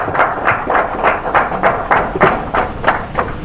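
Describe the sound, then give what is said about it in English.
An audience claps together in a steady, even rhythm, about three claps per second, loud, with a low murmur underneath and no one speaking clearly, applauding the inspector general of police at an event in Osu State. “Please clap for our inspector general police.”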